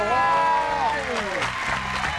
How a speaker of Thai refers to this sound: ขอเสียงปรบมืออย่างกึกก้อง ให้ครับ ต้อนรับลุง